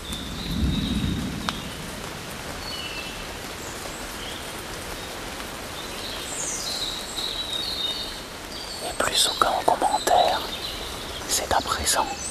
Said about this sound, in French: Je vous propose de marcher dans cette clameur. Le tonnerre, les oiseaux. Quelques gouttes de pluie.